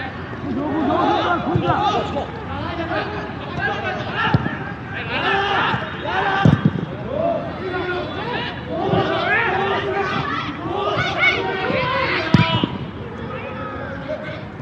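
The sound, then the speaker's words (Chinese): A large stadium crowd of fans cheers and chants in a steady, dense roar that holds for the whole stretch, with a few sharp thumps punching through, as many spectators cheer their team on near the end of a match, in stoppage time. “我们也是能听到现场也是有非常多的观众球迷啊来到现场加油打进。”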